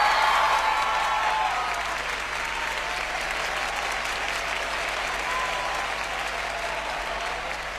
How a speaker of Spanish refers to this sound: Un aplauso para mis músicos, por favor.